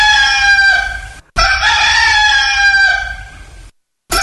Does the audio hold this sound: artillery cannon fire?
no